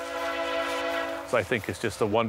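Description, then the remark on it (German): A train horn about 2 kilometres away on the Canadian prairie holds one steady, sustained chord for over a second, then a person starts talking as the horn drops away. “Ein wunderbares Geräusch, das nur ein Zug macht.”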